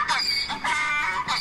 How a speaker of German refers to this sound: zückt sein Handy und spielt uns ein Eselgeräusch vor.